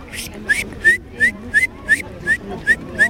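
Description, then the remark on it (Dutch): A child at a nature playground in Leiderdorp whistles an imitation of a great tit's song, repeating a bright, high two-note phrase about eight times in a steady, even rhythm. “Ik kon de koolmees heel goed nadoen. Laat maar horen.”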